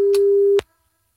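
A phone line's ringing tone for an outgoing call placed by a 3FM radio presenter: one steady, low-pitched electronic beep held for just over half a second, with faint clicks, then abrupt silence.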